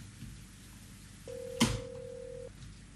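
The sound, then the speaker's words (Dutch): A telephone rings once, a steady electronic tone holding for about a second, with a sharp click partway through, over a quiet background. “Wacht, die meisje, dat gewoon een telefoontje daar.”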